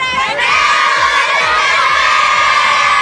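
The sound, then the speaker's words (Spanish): A large group of children shouts together on a count of three in one loud, sustained, high-pitched cheer lasting about three seconds, energetic, with crowd noise filling the space. “ya están listos para gritar Recreo 99. A ver, de este lado, a la de tres, vamos a gritar.”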